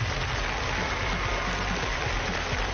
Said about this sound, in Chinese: 大家再次把掌声送给你们自己，我们现场的42位大众评审，欢迎你们。